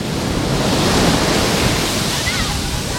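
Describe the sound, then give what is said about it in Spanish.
Steady roar of sea waves breaking on the beach at Salobreña, on the Granada coast of Spain, at midday on a day of poniente wind, mixed with gusty wind buffeting the microphone, loud and continuous with no pauses. “Día de poniente, mediodía de olas, de viento en la playa de Salobreña”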